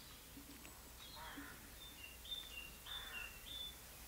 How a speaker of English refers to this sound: is that a song thrush? Do I have my song thrush? You do. You do. Yep.